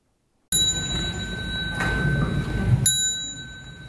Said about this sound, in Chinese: 众人跟随钟声弯腰鞠躬，向已故的辽国佛教长老致敬。